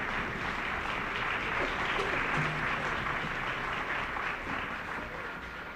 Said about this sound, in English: Colonel Arnold Gabriel conducted the Interlochen Arts Academy Band, and Colonel Gabriel has asked the band to rise and share in the applause.